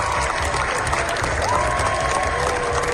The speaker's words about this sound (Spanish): Los 20 minutos de aplausos que se llevaron ayer los Javis en Cannes. La bola negra cogió impulso en la carrera por la Palma de Oro. Es la ovación más larga de lo que llevamos del certamen, y los directores españoles lo han logrado con una película